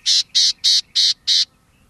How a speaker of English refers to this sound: But these rare birds prefer the coastal scrublands of Baja California. It takes time and effort to see all four of these gnatcatchers, but these charismatic birds are worth the journey.